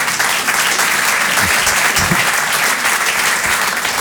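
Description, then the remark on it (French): Steady applause from an audience, a dense wash of many hands clapping at once, loud and sustained for the whole stretch without letup or voices rising above it. “Ça ne vaut pas les applaudissements.”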